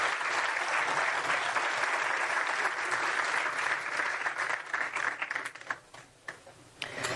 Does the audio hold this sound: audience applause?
yes